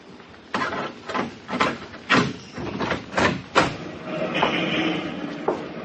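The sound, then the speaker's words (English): A door is opened amid a run of loud, rattling bangs and thumps, followed by a longer scraping, rushing sound as it swings or slides open and someone enters. No one speaks. “Shut the door.”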